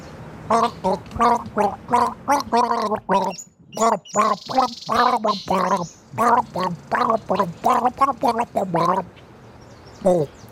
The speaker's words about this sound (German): Sehr, sehr gut gegurgelt. Großes aber, Lob. Aber schwierig. Es ist schwierig, das müssten Menschen kennen, hoffentlich.